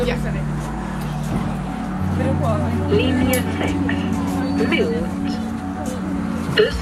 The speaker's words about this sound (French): Le bus arrive.